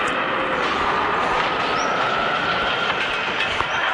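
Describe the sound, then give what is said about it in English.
A leaf blower with a 727 jet engine block hooked up to its back roars like a jet engine, a loud, steady rushing blast that holds constant for the whole stretch with a thin whining tone riding on top. No one speaks. “I hooked up a 727 jet engine block up to the back of our leaf blower.”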